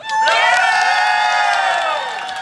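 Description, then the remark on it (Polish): A live audience in Toruń erupts in loud, sustained cheering, with many overlapping high-pitched shouts and whoops blending into a continuous roar that holds steady before easing slightly at the end. “Jakoś tak cicho się zrobiło, prawda? Chyba troszkę za cicho. Toruń, no proszę.”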